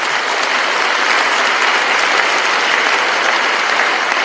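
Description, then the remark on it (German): Steady, dense applause from an audience fills the whole stretch, many hands clapping at once in a continuous loud wash with no voices standing out. “Ich meine, hier sollte doch ein Applaus fällig werden.”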